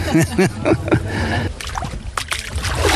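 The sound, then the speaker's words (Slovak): Water sloshes and splashes in uneven bursts as a man wades out of a lake after bathing, on a warm day with ideal weather, with a voice speaking briefly at the start and the outdoor water noise continuing after. “A dokonca jeden pán tu je už a ide vonku z vody.”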